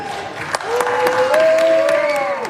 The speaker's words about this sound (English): Republicans cheer as the Senate votes 52-47 to approve a $70 billion immigration enforcement funding package.